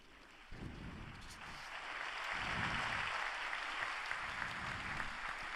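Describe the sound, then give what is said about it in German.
Broad, sustained applause from a large outdoor crowd for Pope Leo XIV's sermon at Holy Mass on the Piazza Bartolo Longo before the Marian shrine of Pompeii, a dense wash of clapping that swells after the first half second and holds steady, with low wind rumble gusting underneath. “Es gibt Applaus für die Predigt von Papst Leo dem 14.”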